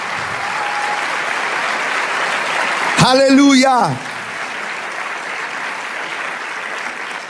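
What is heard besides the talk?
audience applause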